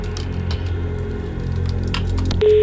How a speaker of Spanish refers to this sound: Vamos a ver, abrimos el sobre y ya tengo el resultado, lo que quiere decir que voy a marcar el número de teléfono.